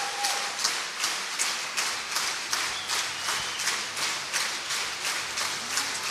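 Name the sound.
concert audience applause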